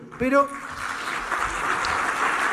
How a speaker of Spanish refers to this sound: Acá sí hubo más aplausos.